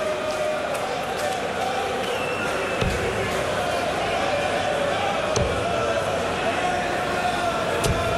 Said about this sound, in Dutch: En die Spanjaarden, als ze teruglopen, die klappen heel hard de handen tegen elkaar.